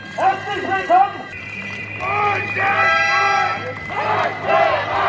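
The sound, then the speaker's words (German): Hundreds of VW workers protest with whistles and banners in front of the gate of the VW plant in Zwickau, Germany, against management's cost-cutting plans, shouting and chanting in rising, overlapping calls, while a shrill whistle blows steadily for a couple of seconds in the middle, with more shrill tones piercing through. “Mit Trillerpfeifen und Transparenten protestieren sie gegen die Sparpläne der Konzernspitze.”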